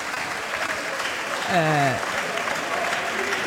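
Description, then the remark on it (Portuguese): Steady, dense applause from the Chega party's members of parliament during a parliamentary session fills the whole stretch, with one voice briefly calling out over the clapping midway through. “E os aplausos são dos deputados do Chega.”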